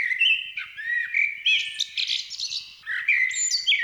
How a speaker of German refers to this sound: Sie brauchen ein bisschen Entspannung? Dann vergessen Sie Meeresrauschen oder Walgesänge. Hier kommt die Amsel.